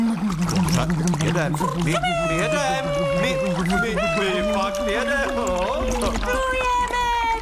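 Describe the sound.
Air blown through a trunk dipped into water makes a steady, churning bubbling like a small boat motor, running the whole time beneath voices that warble and slide up and down in pitch.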